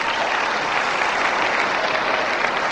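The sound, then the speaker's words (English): Steady, dense applause from a sizable audience answering a question by round of applause, a continuous wash of many hands clapping at once with no pauses or voices standing out. “How many people, by round of applause, knew that if you licked a frog, you got high?”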